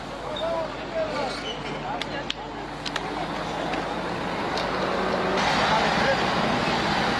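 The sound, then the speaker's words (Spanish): A steady rumble of a caravan of vehicles, including trucks and buses, rolling past on a road by a bridge toward Coroico, north of La Paz, growing somewhat louder toward the end, with faint indistinct voices and a few clanks mixed into the noise. “Y ahí se ven las caravanas que ya están pasando la movilidad.”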